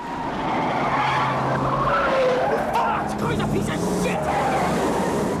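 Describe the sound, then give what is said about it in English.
Car tires squeal and skid loudly and continuously as engines roar during a car chase through a car park, the screeching wavering in pitch over several seconds, with muffled voices mixed into the din. “speeds up alongside the heist car as they race down parallel roads through the car park and out the other side.”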